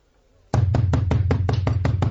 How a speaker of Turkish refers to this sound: Yuh be! Böyle de kapı mı çalınırmış?